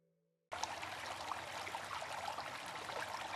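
After a brief quiet moment with a faint low hum, water abruptly starts trickling and keeps running steadily, a continuous bright splashing flow with no voices.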